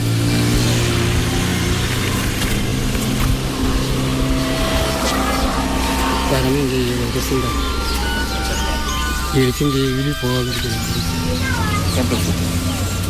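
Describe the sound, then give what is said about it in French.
Loud, steady drone of the engines of motor tricycles or old trucks carrying cut trees to surrounding villages, with pitch wavering as they rev up and down midway, amid busy background noise and possible indistinct voices. “Une fois les arbres coupés, ils sont embarqués dans des pousse-pousses, des motos tricycles ou de vieux camions, destination des villages environnants.”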